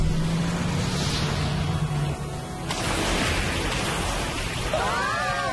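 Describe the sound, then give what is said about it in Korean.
A boat's super engine roars loudly and continuously, with a low droning hum and rushing water noise, surging louder midway and ending with a quick whooshing sweep. “엑스! 슈퍼엔진!”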